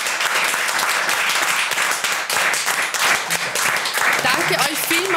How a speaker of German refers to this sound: Deshalb großer Applaus, vielen Dank an euch alle.